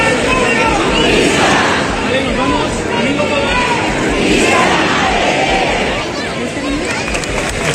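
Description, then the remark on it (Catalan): A large crowd in Valencia shouts a festive cry together during the festivities of the Mare de Déu dels Desemparats, the city's patroness, heard from early morning after the children's mass; a loud, dense roar of many voices that swells and subsides in waves, sustained throughout without pause. “Este crit es va escoltar moltíssim des de primera hora del matí, des de en el moment en què s'acabava la missa d'infants.”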